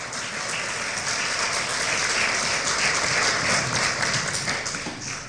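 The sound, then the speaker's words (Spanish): A crowd applauding the Lord, many hands clapping in a dense, sustained wash of sound that stays loud and even throughout, with no talking over it. “Den un aplauso al Señor, por favor.”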